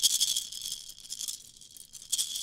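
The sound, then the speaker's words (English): A maraca shaken in quick, uneven bursts, producing a bright, hissy rattle that swells and fades, fairly soft, with no talking. “We played with a maraca.”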